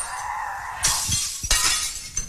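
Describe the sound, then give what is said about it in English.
Brand new plates smash in a rage room in two loud, sharp crashes, each followed by bright clattering shards, then a smaller third break near the end. No one speaks. “Oh, you got some brand new plates there too,”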